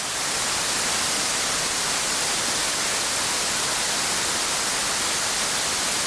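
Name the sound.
white noise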